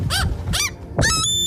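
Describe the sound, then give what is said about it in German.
Three loud gull calls: two short, arching squawks followed by a longer, drawn-out wail, with no one talking. “Also, wie wir hier im Norden manchmal rumheulen, weil Möwen nervig sein können.”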